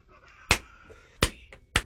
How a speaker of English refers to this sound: Come on. You're clapping every 8 seconds. Well, I gotta start over now.